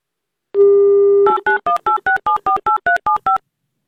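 A steady dial tone sounds briefly, then a rapid run of about eleven short, evenly spaced touch-tone beeps as a phone number is dialed, each a two-pitch chime, with no talking. The host of Avtoradio is calling a game contestant live on air.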